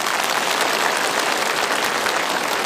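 A crowd applauds steadily at a Beijing No. 4 High School graduation ceremony, welcoming an outstanding graduate representative to speak, a dense wash of many hands clapping at an even, fairly loud level throughout, with no voices over it.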